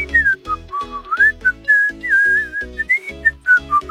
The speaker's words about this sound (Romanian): Astăzi va trebui să fluieri, să vedem dacă reușești, nu?